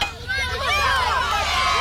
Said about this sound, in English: The crowd went wild.